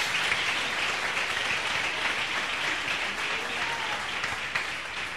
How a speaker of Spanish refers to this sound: Denle un abrazo, aplauso al Señor.